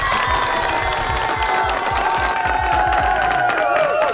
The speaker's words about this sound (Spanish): Muy bien, eso se merece un fuerte aplauso. Permítame ver producción. Aplauso para esta familia.